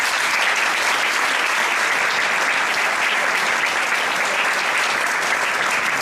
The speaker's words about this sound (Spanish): Amigos todos, bienvenidos, y yo creo que un evento así, porque es muy importante lo que vamos a hacer hoy, se merece empezar con un fuerte aplauso, ¿no?